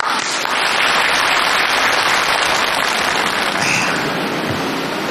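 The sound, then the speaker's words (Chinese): A dense, steady burst of audience applause welcoming a guest from the Peking opera world, many hands clapping at once in a loud, continuous wash that holds for about five seconds before easing slightly at the end. “我们有京剧界的人今天来了，木鱼老师到现场了，大伙儿给鼓掌。”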